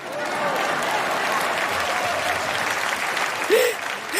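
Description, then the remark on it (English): Sustained applause from an audience fills the space, a dense steady wash of clapping hands with a brief vocal cheer rising near the end. “Then, go ahead, clap.”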